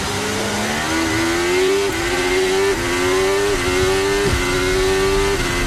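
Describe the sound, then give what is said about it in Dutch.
Lewis's racing car accelerating hard from the race start in the rain, going from 0 to 200 in 5.7 seconds, its loud engine whine climbing in pitch and dipping briefly at each of several quick gear changes, with no voices. “Van 0 naar 200 in de regen in 5,7 seconden.”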